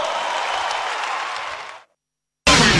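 Audience applause, a dense steady wash of many clapping hands that fades out, then after a brief silence a loud burst of clapping starts up abruptly again.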